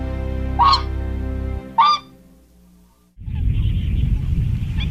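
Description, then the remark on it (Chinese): Two loud, brassy calls of swans on a wetland, where their number has grown from about 200 to over 1,000, ring out a second apart over a low steady rumble, followed by a stretch of quiet and then a broad rushing noise like wind or moving water. “新增湿地面积10万亩，新增鸟类40余种，游鼻天鹅的数量从200余只增加到1000余只。”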